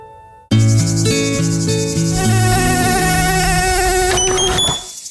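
Mosquitoes buzz loudly and steadily, several whining tones overlapping and shifting in pitch. The sound starts abruptly after a brief quiet moment, then holds for several seconds before fading near the end.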